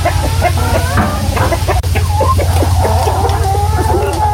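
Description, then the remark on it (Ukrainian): A crowd of chickens clucks continuously, many overlapping short calls against a steady low hum, with no one talking. “Але десь тепер кури, то не так.”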